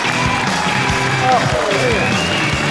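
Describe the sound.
A crowd at a crosstalk show breaks into loud, sustained applause and cheering to welcome film and TV actor Hou Jingjian on stage, a dense wash of clapping with voices and music-like tones mixed underneath.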